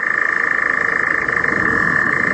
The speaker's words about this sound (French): Notre star est reconnaissable surtout par son chant. Il est très particulier et si on l'entend, ben c'est une très très bonne nouvelle. Son nom, c'est l'engoulevent. Écoutez plutôt.